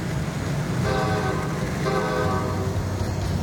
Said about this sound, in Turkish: Ve yolda bize doğru gelmekte olan bir tren var.